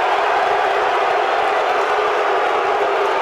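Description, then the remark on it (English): A large stadium crowd of Nebraska fans at a baseball game roars steadily, on their feet getting behind their offense: a dense wall of cheering and noise that stays loud and unbroken throughout, with no single voice standing out. “Well, the crowd was causing that, and Rabe took a timeout right before it ran out.”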